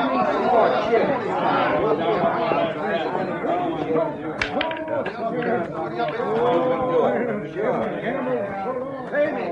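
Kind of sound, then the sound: crowd, crowd chatter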